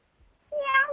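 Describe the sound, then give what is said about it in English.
A single drawn-out meow, voiced by a person imitating a cat, rises loud after a brief quiet moment and holds steady for about half a second. “Meow, meow. Meow, meow, my darling.”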